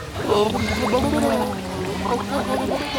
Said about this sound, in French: Et c'est ça. J'ai ma langue qui repousse l'eau. Et si je souffle, forcément ça fait des bulles.